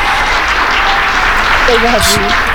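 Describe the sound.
A steady applause sound effect, a dense even clatter of clapping, plays to welcome a live caller on a show, with a brief voice rising faintly near the end.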